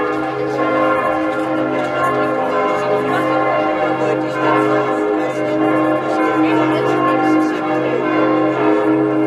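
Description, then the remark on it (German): The carillon of St. Jakobikirche in Hettstedt, Mansfeld-Südharz district, Germany, rings out steadily, its overlapping bell tones sustaining and blending into a dense, resonant wash at constant loudness, with a faint voice briefly audible beneath the chiming. “Seit fast 2 Jahren hängt das Glockenspiel der Hettstädter St. Jakobikirche wieder komplett im Dom und zählt mit seinem Klang zu den schönsten im Landkreis Mansfeld-Südharz.”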